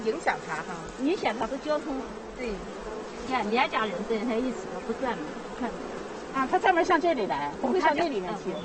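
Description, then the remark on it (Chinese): A dense, steady hum of many honeybees buzzing around a hive as bees spread their wings and fly out, continuous throughout, with a person's voice talking intermittently over the droning swarm. “你看那蚂蚁展翅， 飞出来了，展翅飞出来了。”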